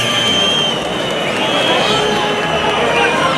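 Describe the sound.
A large crowd at a bullring during a bullfight, greeting Morante, fills the air with a steady, loud murmur, with scattered clapping mixed into the dense, unbroken wash of voices.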